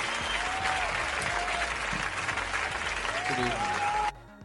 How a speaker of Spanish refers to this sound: Yo creo que todos los que están aquí, un aplauso bien fuerte.